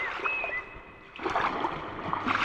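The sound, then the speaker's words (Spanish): Sea waves at Coruña wash and splash with a steady hiss, quieter at first, then swelling into a louder, churning surge. A faint high whistle briefly rings out early on. “Para los que no vayamos a Valladolid, nos quedamos en Coruña escuchando este sonido del mar”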